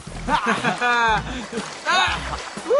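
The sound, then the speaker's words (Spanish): Elephants splashing as they bathe, with repeated bursts of sloshing water under loud, tonal, voice-like calls that rise and fall throughout. “¡Es hora de bañar a los elefantes!”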